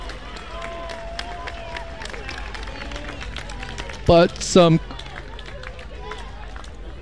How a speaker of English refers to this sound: clapping and cheers from the Stanford squad looking to get Stanford motivated.